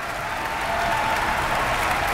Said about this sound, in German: Dieser Applaus, den Sie jetzt hören, gilt der gesamten Bläsersektion. Wie gesagt, ein sehr groß besetztes Werk mit fünffachen Bläsern, zwei Paukensets, großes Schlagwerk.